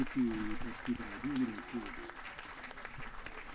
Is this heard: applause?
yes